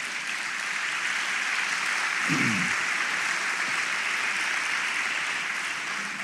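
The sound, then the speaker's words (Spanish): A crowd claps steadily throughout as an offering of applause to the Lord during a sermon, a dense, even wash of applause at constant loudness with a brief low vocal sound partway through. “¿Cuánto le damos una ofrenda de palmas al Señor?”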